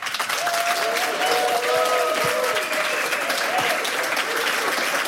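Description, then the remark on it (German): A large audience claps steadily for about five seconds, a dense, even wash of applause with faint cheers and whistle-like tones rising above it. “Es sind sehr viele Menschen anwesend und das klingt folgendermaßen.”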